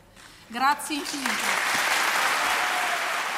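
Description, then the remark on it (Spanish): A brief spoken phrase gives way to sustained audience applause for the words of an emotional soprano at a concert, a dense, steady wash of clapping that holds at an even, fairly loud level for several seconds. “Muy, muy aplaudidas esas palabras de la soprano emocionada”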